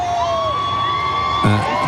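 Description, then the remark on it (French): A large crowd cheers steadily as the pope arrives, a dense continuous roar with shrill whistles and high cries rising above it, and a voice briefly calls out near the end. “Vous entendez oui, et on voit ah, que le vous pape... entendez, écoutez.”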